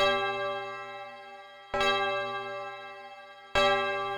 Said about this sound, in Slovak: Udrela 12. hodina.